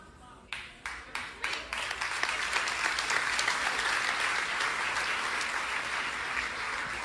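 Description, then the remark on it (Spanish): An audience bursts into applause, starting with a few sharp, separate claps that quickly swell into steady, dense clapping from a crowd, sustained loudly to the end. “Si yo mido el nivel de revelación por la respuesta de los aplausos, el punto no es el aplauso, el punto es que tú tomes una decisión en este día.”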